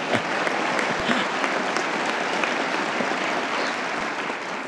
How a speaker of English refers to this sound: And yes, you can applaud.